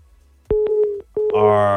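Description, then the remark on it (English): A steady electronic phone-line tone broken by sharp clicks, then a brief gap before a buzzier, harsher tone takes over, like a busy signal on a dropped telephone call. “Lost that call. Hopefully you can call me back.”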